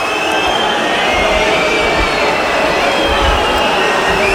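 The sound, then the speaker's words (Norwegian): A dense, continuous roar from a large stadium crowd, loud and sustained without letup, a broad wash of massed voices swelling slightly as the cheering carries on. No individual speech stands out. “Hør publikum.”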